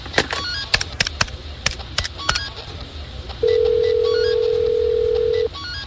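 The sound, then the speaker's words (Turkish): A telephone is dialed with a quick series of clicky button presses, then a steady electronic ring tone sounds for about two seconds. The sounds are clear, with no talking. “Tamam Bill, arayacağım. Hı-hı. Benim telefonumu kullanabilirsin.”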